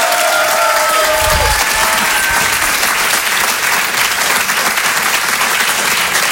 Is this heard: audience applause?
yes